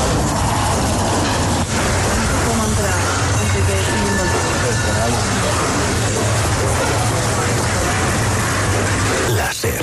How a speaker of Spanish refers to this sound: Chatarrería en el barrio de Poblenou, Barcelona.